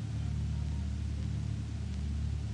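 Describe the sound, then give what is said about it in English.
An aircraft's port outer engine turning over at an airfield as darkness falls, settling into a loud, steady low drone, its deep droning hum continuous for the whole stretch, with no voices. “Turning over port outer engine.”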